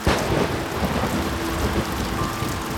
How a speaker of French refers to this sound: Un orage terrible éclate. Un coup de tonnerre fait trembler la cabane.